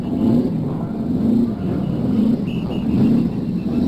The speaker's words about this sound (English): Now we're going to listen to the cars start up. Here they are. One by one, those engines are turning over, and the race just about ready for the first pace lap.